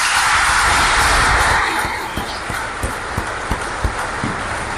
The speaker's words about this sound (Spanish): Ah, y algunos, bienvenidos, un aplauso para ustedes.